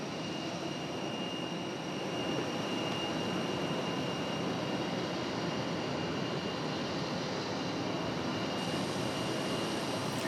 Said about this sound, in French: Je vous propose d'attendre ensemble le décollage de cet avion dans la mesure où nous pourrons avoir des images.